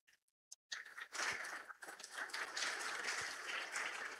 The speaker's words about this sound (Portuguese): Uma salva de palmas para os nossos pais.